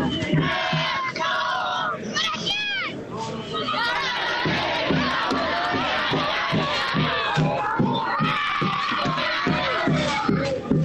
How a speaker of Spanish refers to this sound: en la puerta del estadio, el gigante de Alberdi, es un verdadero carnaval, escuchá.